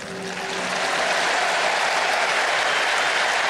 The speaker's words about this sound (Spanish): El aplauso de la gente, reconociendo también, ¿no?, el rol que tuvo Jorge Messi.